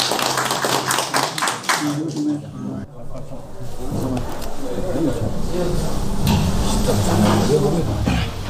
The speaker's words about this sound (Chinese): 可不可以？ 可以， 可以，咱们就鼓掌吧。